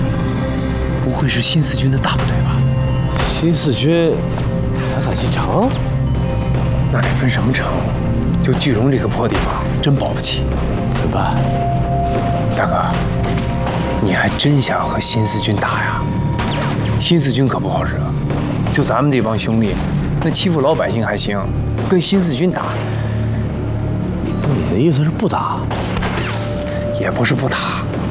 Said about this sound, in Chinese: 大半夜听听当当，怎么回事？ 是枪声，好像是宪兵队那边。